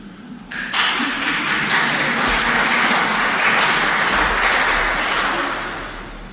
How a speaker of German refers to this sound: Der war aber schon ein bisschen dürftig, der Applaus. Ihr traut euch selber nicht, gell?